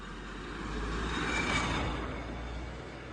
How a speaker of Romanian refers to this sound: Uite și o mașină.